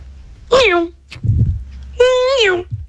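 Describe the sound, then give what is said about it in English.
Someone vocally imitates a Formula 1 car: two loud, high, buzzy whines that each slide down in pitch, with a short breathy rumble between them. “Okay, so my F1 car sounds like...”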